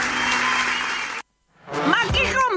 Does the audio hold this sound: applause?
yes